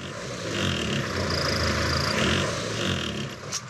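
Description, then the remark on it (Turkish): A small engine being tuned while running, by adjusting its low-speed (idle) screw. It runs with a steady, buzzing drone that rises and falls slightly as it revs, with a high whine layered over the rough low rumble. No one speaks. “Gayet iyi devir oluyor.”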